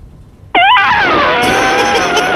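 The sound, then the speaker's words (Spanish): A person lets out a loud, sustained elephant-trumpet imitation, a brassy, wavering blare that starts abruptly after a moment of quiet and holds strong for nearly two seconds. “El mejor mío es el elefante. A ver. Mira, va el elefante.”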